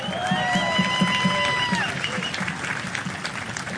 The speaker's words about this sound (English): So thanks, kids. You did wonderful. And your parents are awesome. Okay. Let's give them another round of applause, shall we? They deserve it.